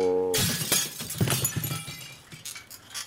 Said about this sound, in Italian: Porca merda, ti avevo detto reggiti! Ha sfondato le vetrate del capannone.